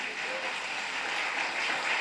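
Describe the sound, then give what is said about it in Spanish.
A steady wash of applause for the Holy Spirit, many hands clapping at once in a dense, crackling roar that holds at an even level for the whole couple of seconds. “Un fuerte aplauso para el Espíritu Santo.”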